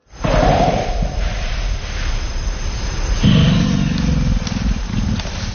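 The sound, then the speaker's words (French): A deep, guttural animal grunt rumbles steadily for several seconds, low and rough in pitch, swelling louder about halfway through before tapering slightly, with no voices present. “Et le deuxième, c'est un grognement un peu plus profond qu'on appelle belge.”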